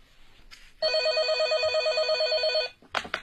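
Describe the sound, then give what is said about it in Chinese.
A telephone rings once in a loud, steady burst of about two seconds, a warbling electronic trill with a bright buzzy edge, followed by a short clatter as it stops: a call coming in to the 803 criminal investigation team. “当有关媒体报道了三六案件嫌疑人落网的消息后，有不少关心此案的人给803刑侦组打来电话”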